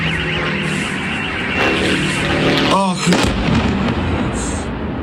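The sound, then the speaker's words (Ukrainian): Heavy, rumbling blasts from Ukrainian drone strikes on the Lukoil oil refinery in Perm roll through a dense, roaring background, with a sharper burst near the middle and an excited voice briefly audible over the din. “Крім того, українські дрони атакували нафтопереробний завод у Пермі.”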